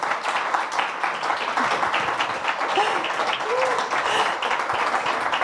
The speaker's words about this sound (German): Ja, erstmal den Applaus abholen und genießen.